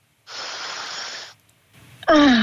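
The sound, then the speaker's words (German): A deep, airy inhale of Tyrolean fresh air at a window, lasting about a second, followed by a softer breath and then a loud, satisfied voiced sigh. “Und gib uns durchs Radio jetzt Tiroler Frischluft. Komm, wir atmen mit.”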